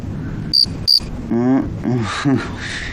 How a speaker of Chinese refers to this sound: 那个刚刚蛐蛐跑被窝了。现在不知道在哪儿呢。